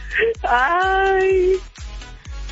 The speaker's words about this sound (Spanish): Ay, ya llorando, ¿no?